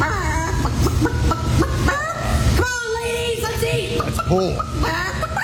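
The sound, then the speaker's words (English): A person loudly imitates a chicken at the Iowa State Fair chicken calling contest, producing rapid, repeated clucks and squawking calls in bursts, with some background crowd noise. “The Iowa State Fair chicken calling winner is...”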